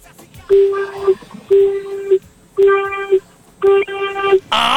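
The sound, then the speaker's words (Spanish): Four medium-length car horn honks in a steady rhythm, each a loud, buzzy, mid-pitched blast lasting over half a second with short gaps between, heard through a thin telephone-like line. “Si estás, por favor, regálame 4 bocinazos medianitos.”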